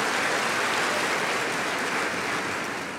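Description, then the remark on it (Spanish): A church audience breaks into sustained applause for the Lord, in the name of Jesus. It is a dense, steady wash of many hands clapping at once that holds loud throughout before easing slightly at the end, with no voices rising above it. “Y le damos a Él más aplausos en el nombre de Jesús.”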